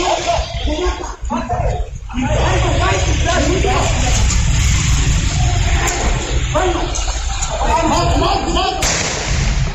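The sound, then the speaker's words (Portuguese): A single sharp gunshot, fired by a criminal and hitting a municipal civil guard in the neck, cracks out near the end of a muffled, noisy street security camera recording, with indistinct voices and a steady background rumble throughout. “Bom, tá então o momento do disparo que atingiu o pescoço do guarda civil”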